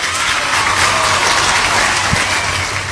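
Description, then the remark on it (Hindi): Sustained, dense applause from a crowd, a steady wash of many hands clapping at once, loud and continuous for the whole stretch with no voices on top, given for people who answered a quiz question correctly. “बिल्कुल सही जवाब दिया है आप सभी ने, इसलिए आपके लिए बजाएंगी तालियां।”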